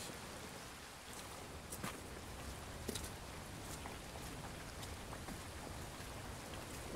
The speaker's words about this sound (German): Gegen Mittag immer noch Regen.